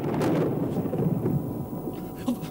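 thunder

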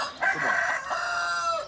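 chicken clucking and crowing

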